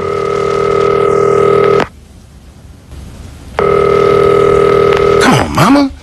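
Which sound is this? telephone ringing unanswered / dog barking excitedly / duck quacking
telephone ringing unanswered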